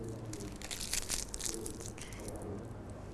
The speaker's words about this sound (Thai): เด็กๆก็ทาบริเวณใบก่อนและขยำกระดาษให้เป็นนี่ขยำแบบนี้เลยเป็นเล็กๆแบบนี้แล้วก็ติดลงไปที่ใบส้มกดลงไปเล็กน้อย